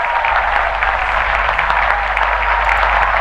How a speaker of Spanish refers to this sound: Mira, y te aplauden y todo.